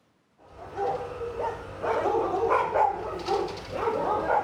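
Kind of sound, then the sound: animal, dogs barking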